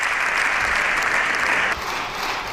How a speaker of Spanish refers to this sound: En estos momentos la bancada popular está en pie aplaudiendo al líder del PP, a Núñez Feijóo, en ese turno de réplica que veremos si también asumen el resto de grupos parlamentarios.